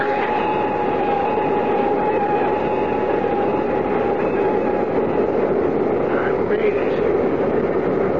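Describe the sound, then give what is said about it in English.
An airplane lands at an airport and brakes hard on the runway, a steady, loud roar of engine and rolling noise with a faint high whine running through it, holding constant from start to finish. “The plane is down”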